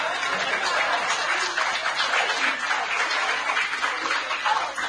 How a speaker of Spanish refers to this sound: Feliz día, escritores. Ustedes que no son escritores, aplaudan igual.